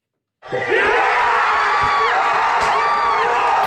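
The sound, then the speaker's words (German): A large crowd at a football public viewing at the Aufschütti in Lucerne, Switzerland, erupts into loud, sustained cheering and whooping after a brief silence as Ruben Vargas scores the last penalty against Colombia, sending Switzerland into the World Cup quarterfinal; a dense roar of many voices holding steady throughout. “Der Jubel ist gross.”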